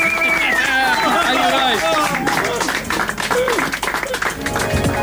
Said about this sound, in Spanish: ¡Aplauso! ¡Explote!